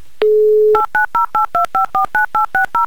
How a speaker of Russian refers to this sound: я набираю ваш номер телефона. Просто возьмите и подождите моего звонка.